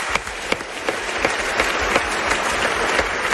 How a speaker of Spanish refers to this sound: Bueno, pues un aplauso para este nuevo amigo que acabamos de hacer, por favor.